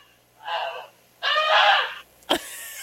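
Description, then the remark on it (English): A person imitates a goose with two nasal, harmonic honks: a short one, then a longer, louder, drawn-out one. A sharp click follows. “I think I was on the right track for just coming out with a goose impersonation on the spot.”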